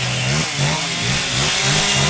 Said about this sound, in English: Located just behind a car dealership, a cacophony of chainsaws hangs in the air.